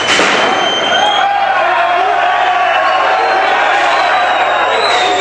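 A large crowd applauds and cheers loudly for about five seconds, a dense, steady roar of clapping with shrill whistles rising above it and no one speaking.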